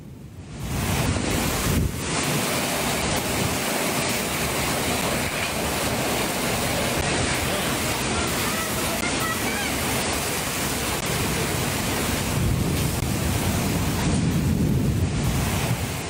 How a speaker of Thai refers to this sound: หลายคนบอกว่าโอ้โหไม่เคยเจอฝนที่มันลมแรงขนาดนี้ลองดูครับ